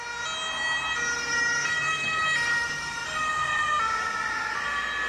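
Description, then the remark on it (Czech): An ambulance siren wails steadily and loudly, its tones rising and falling continuously over a low rumble of road traffic, with no voices. “To je 3, 2, 1 sanitka.”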